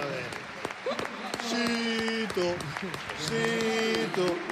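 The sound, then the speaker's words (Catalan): A football crowd claps steadily for several seconds, applauding a cross by Zito Lubumbo, the sharp claps scattered and overlapping, while voices call out loudly over the applause. “Aplaudiments d'en Juanga per centrada d'en Zito Lubumbo.”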